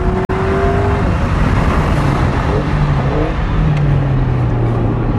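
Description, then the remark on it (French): A car's engine roars loudly as it accelerates hard along the straight of a racing circuit, its pitch climbing steadily through the gears, with a constant rush of wind and road noise filling the background. “Et une nouvelle fois, cette accélération sur la ligne droite.”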